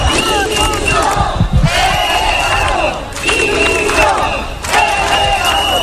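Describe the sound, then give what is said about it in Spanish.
About 300 people at a street demonstration in the centre of Ceuta, outside the government delegation, carrying Spanish and European flags, chant in loud, rhythmic bursts, voices rising together in repeated phrases with short pauses between them, the dense roar of many people filling the whole clip. “Cerca de 300 personas salieron a la calle con banderas de España y de Europa, camisetas con mensajes como "quiero que me devuelvan mi libertad".”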